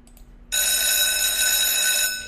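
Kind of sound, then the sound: signal or alarm, alarm bell ringing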